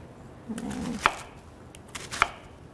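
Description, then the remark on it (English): A knife cuts a peeled, washed onion half into thirds on a cutting board with two crisp, separate chops about a second apart, with soft rustling in between and no talking. “And again, cutting it in half. Then I'm gonna cut them in thirds.”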